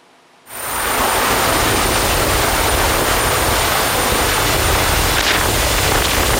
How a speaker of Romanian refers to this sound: A fost salvat într-un final cu ajutorul unui elicopter.